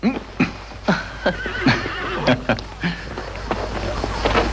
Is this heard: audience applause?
no